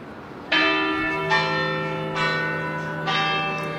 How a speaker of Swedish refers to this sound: Kyrkklockor från centrala Köpenhamn, Rådhusplatsen skulle jag tro.